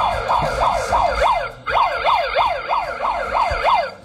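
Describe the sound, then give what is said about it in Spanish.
A police patrol car siren wails in rapid, rising-and-falling sweeps, loud, repeating steadily over a rumbling vehicle engine with a brief break midway. “Información de último momento, vámonos a la patrulla.”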